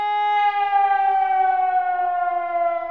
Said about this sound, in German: So klingt zum Beispiel das Warnsignal, das auch viele noch aus früheren Zeiten kennen.